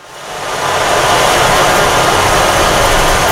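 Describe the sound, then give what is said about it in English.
An instrument imitating falling rain: a dense, steady wash of hissing noise that swells up over the first second, then holds loud and even with no voices. “So you can emulate the sound of rain, or you can take it to the sound of the ocean and do waves as well.”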